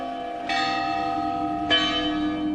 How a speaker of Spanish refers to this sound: El culto a las ánimas benditas, las cofradías, las animeras, los tañidos que cruzan la oscuridad, son algunas de las formas más hondas de respeto a los muertos.